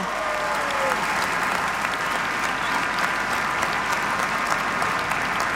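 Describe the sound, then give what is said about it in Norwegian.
Sustained audience applause for the volunteers at a Bislett athletics meeting, a dense, steady wash of many hands clapping at an even loudness for several seconds, with faint crowd murmur mixed in. “En stor takk til dere alle, og la oss gi de frivillige en skikkelig applaus!”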